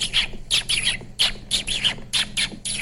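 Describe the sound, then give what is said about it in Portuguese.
A voice imitates a dolphin with a rapid string of about eight high, squeaky chirps and squeals, fairly loud and uneven in rhythm, with no talking. “Golfinho é assim? Golfinho é como?”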